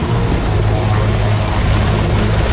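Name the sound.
firefighting helicopter flying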